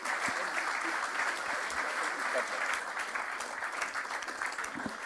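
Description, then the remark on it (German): A sustained burst of audience applause welcoming the outgoing and new chairmen of the Neue Bachgesellschaft, Christfried Brödel and Andreas Bomba, dense and steady clapping from many hands without a break, fairly loud. “Und Andreas Bomba, wir bitten um einen donnernden Applaus.”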